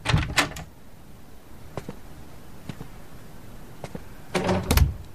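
Knocking on the door of an empty office: a quick burst of raps, a few single scattered knocks, then another cluster of sharp raps near the end, with no talking.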